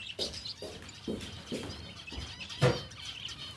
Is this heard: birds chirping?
yes